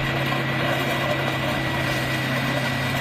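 A heavy excavator's engine drones steadily and loudly as it drives over illegal motorcycles stacked and lying like dominoes in New York, during the destruction of more than 200 motorcycles in a police operation; a constant low rumble with dense mechanical grinding noise and no distinct impacts, and nobody speaking.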